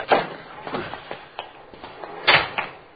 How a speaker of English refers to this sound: Over there going for that Cadillac. Yeah. You got a good look at him? No, it's too dark. He's forcing the door.